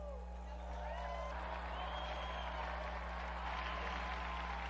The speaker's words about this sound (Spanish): Unidos pues a la congregación de Santa Úrsula y a la Iglesia de Alemania, brindemos nuestro vivo aplauso a la beata Blandina Merten.